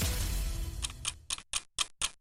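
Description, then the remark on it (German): A clock ticks steadily, about seven crisp clicks in an even rhythm, emerging as a low rumbling hum at the start fades away. No one speaks. “Hörst du das Ticken?”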